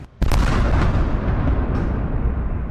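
A sudden heavy blast hits at once and rolls into a long, rumbling roar of explosions and rapid air-defense fire in Odesa after three in the morning, loud and dense, with no voices.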